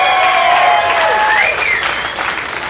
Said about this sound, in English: This looks like an 80s crowd. Round of applause, you guys grew up in the 80s, ladies and gentlemen. Round of applause.